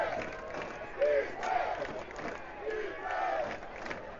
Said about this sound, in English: As the crowd's starting to get loud with their defensive chants. Yes. Led by the student section.